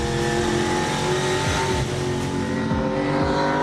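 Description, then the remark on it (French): A V8 race car engine roars steadily, its deep rumble rising and falling as it revs with sweeping harmonic bands, loud and continuous with no talking. “Une auto assez mythique et qui procure vraiment le plein de sensations. Et son V8, eh ben, il y est pour beaucoup.”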